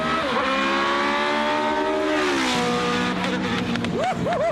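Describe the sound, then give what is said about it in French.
A Formula 1 V8 engine screams at high revs, around 8,000 rpm, as the car is driven down a straight; its shrill harmonic whine holds steady, then rises and dips in quick swoops as it blips up and down through the gears. “Est-ce que vous l'avez entendu un peu miauler le V8 là, hein?”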